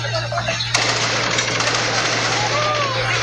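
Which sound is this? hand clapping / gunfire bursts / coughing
gunfire bursts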